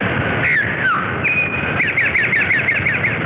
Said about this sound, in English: Again, it is interesting to compare notes between species. The Towhee's theme could pass for a variant of After Chicago.